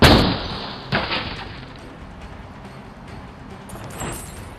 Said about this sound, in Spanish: Impactándose brutalmente contra el muro de contención formado por pesados botes llenos de agua. Eso que vuela es la defensa de su coche.